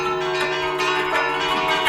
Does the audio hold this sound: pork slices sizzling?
no